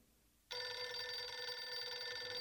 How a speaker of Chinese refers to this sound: 王碧奎正在准备早餐，聂西打来了电话。